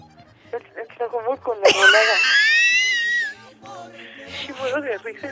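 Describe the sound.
A woman caller to La Que Buena 97.1 radio, listening in Tlajomulco, lets out a loud, sustained scream over the phone lasting over a second, high and wavering, with people talking just before and after it.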